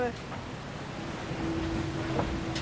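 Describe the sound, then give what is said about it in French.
A steady, high-pitched whistle from a foiling boat flying on its foils at 27 knots (about 50 km/h), emerging about halfway through over a constant rush of wind and water spray. “Donc dès que ça siffle comme ça, c'est que ça vole. C'est que ça va plus vite.”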